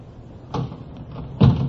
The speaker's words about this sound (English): She does not answer the door. Well, try the door. Hmm? Oh, yeah. It's open.